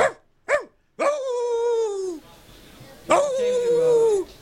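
Two quick, sharp barks from hounds are followed by two long, drawn-out howls that slide slowly downward in pitch. The calls are loud, with no talking.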